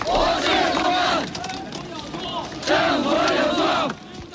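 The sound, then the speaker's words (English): A large crowd of students and workers in Tiananmen Square at the time of Hu Yaobang's funeral shouts slogans such as "Down with dictatorship" in unison: two loud rhythmic chant bursts separated by a brief lull of murmuring, voices echoing across the open square. “Students and workers in the world's largest square, in defiance of government plans to seal off the area for Hu's official funeral, shouting, "Down with dictatorship."”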